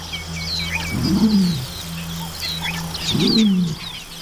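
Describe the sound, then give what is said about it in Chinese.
A young hawk chick, about nine weeks old, gives two hoarse, rasping calls about two seconds apart, over a steady low hum and faint chirping birdsong in the background. “这是一只约九周大的鹿鹰雏鸟。”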